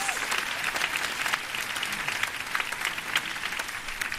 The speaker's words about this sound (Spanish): Gràcies, finalment, a tot l'equip que fa possible aquest festival i a vosaltres, al nostre públic, per ser-hi sempre. Sí, podeu aplaudir-vos amb tot el moment.